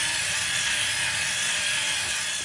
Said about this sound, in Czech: Náš robota obstojí z Lego a ven má motor.